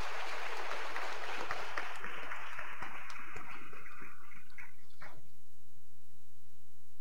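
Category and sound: crowd, audience applauding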